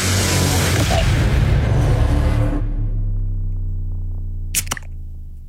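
A beer can cracks open with a quick, sharp snap and a short fizzy hiss, after a loud rumbling wash of noise dies down to a low hum.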